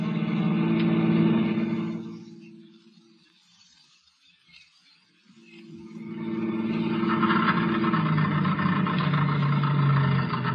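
A car engine drones steadily, then falters and dies away to near silence for a few seconds before coughing back to life and running roughly again as the car runs out of gas. No one speaks.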